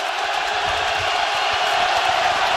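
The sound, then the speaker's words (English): A huge stadium crowd at a baseball game roars and cheers in a steady, dense wall of sound that stays loud and unbroken throughout, with no single voice standing out. “Listen to this crowd.”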